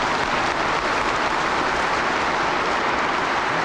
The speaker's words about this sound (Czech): Potlesk a jásot na počest sovětské okupace v roce 1968. Na sjezdu zazní ještě mnohokrát.